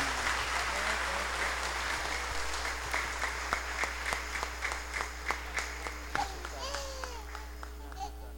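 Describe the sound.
An audience applauds, a dense wash of clapping that thins after a few seconds into scattered, distinct claps, with faint children's voices underneath.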